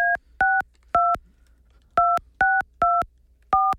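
Touch-tone keypad beeps as a phone number is dialed on a 98.5 The Bull radio show, about eight crisp dual-tone presses in two quick bursts separated by a short pause, clear with no talking.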